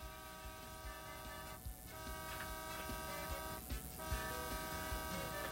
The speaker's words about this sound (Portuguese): É, buzina, né? O que que tá acontecendo?